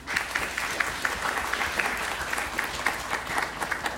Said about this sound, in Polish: Brawo dla tego pana. Wszyscy już mieli brawa oprócz państwa. To brawa dla państwa.